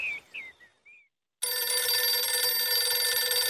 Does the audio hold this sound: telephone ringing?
yes